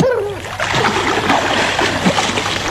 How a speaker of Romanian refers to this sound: Vezi și tu ce văd și eu acolo? Acolo, în lac. Da, regina mea, o caleașca a căzut în apă.